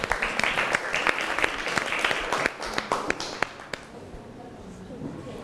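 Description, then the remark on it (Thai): An audience applauds a chef who is about to present a dessert dish, with dense, steady clapping for about three seconds, then the claps thin out and fade to scattered taps. No one speaks over it. “มาดูกันว่าจานต่อไปเชฟจะเอาอาหารอะไรเมนูขนมหวานอะไรมาเสิร์ฟเราขอเสียงปรบมือให้เชฟหน่อยครับ”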